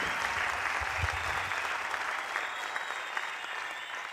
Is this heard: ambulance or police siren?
no